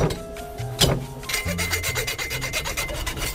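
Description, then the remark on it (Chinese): One hard, sharp chop strikes tough, rock-hard cowhide that scissors cannot cut, chopped with full force, then a run of quick, rhythmic rasping strokes follows, like a blade forcefully hacking and scraping at the stiff leather. No one speaks. “哎呦，敲的手都疼，这剪刀剪不烂啊！我就使足了劲，咱们剁一下。”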